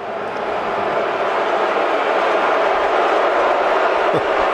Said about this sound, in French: Et la foule, vous pouvez l'entendre.